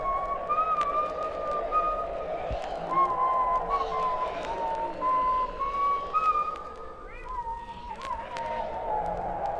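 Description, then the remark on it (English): A person whistles a wandering, meandering tune at moderate volume, the notes sliding up and down over a steady bed of low ambient rumble and faint rustling. “began to whistle to himself, trying to take his mind off of the weird things going on all around him.”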